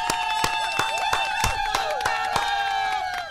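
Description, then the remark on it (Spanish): Applause cheering a law that prohibits elected officials from investing in the stock market, in a steady, evenly spaced rhythm, about three claps per second, loud, with sustained tonal ringing and a faint crowd murmur underneath. “Vamos a darle un aplauso, espérate. Aplauso, please.”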